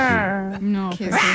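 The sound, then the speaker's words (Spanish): A person's voice imitates a small pinscher dog barking: two whiny, high-pitched, drawn-out yaps, the second one rising, loud and with no other talk. “No, es como un pincher, creo yo.”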